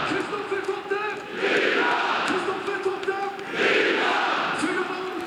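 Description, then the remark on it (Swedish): A football stadium crowd roars after Norrköping's goal to make it 4-0 against GIF Sundsvall in a Superettan match, scored by Kristoffer Nyman in the 88th minute, the cheering swelling loudly in two big surges, with shouts and chant-like voices riding on the steady wash of noise. “Det är rutinerade Kristoffer Totte Nyman som gör sitt 18:e mål den här säsongen i den 88:e matchminuten, och ni kan väl höra publiken.”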